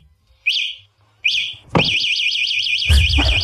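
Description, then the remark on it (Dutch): A fatbike's anti-theft alarm going off: two short rising electronic chirps, then a loud, continuous warbling siren that oscillates rapidly in pitch, harsh, with a thud partway through. “Ja, dit is het alarm van een fatbike.”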